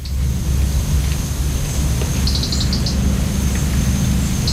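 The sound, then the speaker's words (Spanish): At dawn, a short burst of quick, high ticking clicks, the first calls of a European robin, rises faintly over a steady low rumble and a thin, constant high hum. “Está amaneciendo y escuchamos los primeros chasquidos del petirrojo europeo y luego el canto al alba del mirlo común.”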